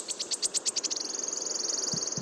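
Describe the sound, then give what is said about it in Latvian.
A warbler sings in a forest in Latvia: a run of high, thin notes that quickly speed up into a fast, shimmering trill, like a coin spinning down on a table, clear and unaccompanied by voices. “Un dziesmiņa ir ļoti raksturīga, ja iesiet pa mežu, tad noteikti dzirdēsiet, ka tā griežas kā monētiņa.”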